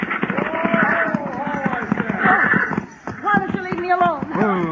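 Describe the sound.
Horses' hooves clop in a quick, uneven rhythm as a woman at the reins drives them and men call out trying to stop the horses, with excited voices over the commotion and what may be a horse whinnying.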